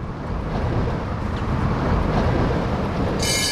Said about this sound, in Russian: А это еще что такое? Трамвай? Откуда? Ниоткуда. Он по кругу ходит.